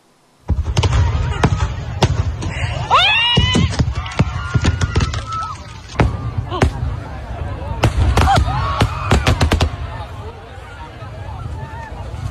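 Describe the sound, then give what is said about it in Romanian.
Fireworks bang and crackle in irregular bursts, loudest in a rapid cluster near the end, while a crowd shouts and screams throughout. At a pyrotechnics festival in Spain attended by about 10,000 people, a malfunction sends fireworks into the area where the audience stands. “O defecțiune a trimis artificii în zona unde se afla publicul.”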